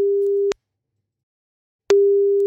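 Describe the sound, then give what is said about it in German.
A steady telephone tone sounds alone, cuts off for over a second of silence, then resumes, the on-off pattern of a line ringing while a call is placed after the number is typed in. “Ich tippe die Nummer mal eben ein und dann hoffen wir mal, dass er auch ans Telefon geht, denn das ist, wie sagen wir immer so schön, Grundvoraussetzung.”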